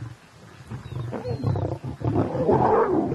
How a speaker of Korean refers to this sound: 수컷이 으르렁거리며 암컷들이 못 먹게 하죠.